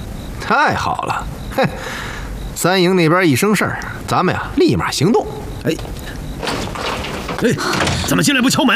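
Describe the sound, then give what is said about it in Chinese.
A door opens abruptly with a solid thud as someone enters without knocking, while several people keep talking over it in raised, animated voices. “哎，哎，怎么进来不敲门？”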